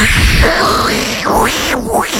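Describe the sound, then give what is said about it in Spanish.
Dial-up modem connecting noise: steady, fairly loud electronic hiss with repeated swooping tones that dip and rise again, about three sweeps over two seconds, with no talking. “Había que tener lo que se llamaba un módem, que era un modulador de modulador, que era un aparato que hacía el ruido siguiente.”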